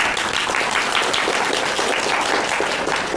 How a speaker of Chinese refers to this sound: 大家鼓掌欢迎。